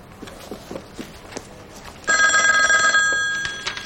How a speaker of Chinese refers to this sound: 电话。